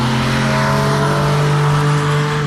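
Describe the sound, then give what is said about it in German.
A loud motorcycle engine roars continuously, its deep, buzzing exhaust note holding a fairly steady pitch with slight fluctuations, and no voices. “Dort gibt es auf gewissen Strecken und in Teilen der Regionen ganz einfach Fahrverbot für laute Töpfe.”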